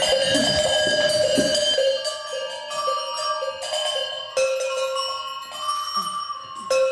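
Several bells in an exhibition's bell room, set off by a visitor, are struck one after another, their rich metallic tones overlapping and ringing on in a sustained, resonant wash. They sound fairly loud, with no voices.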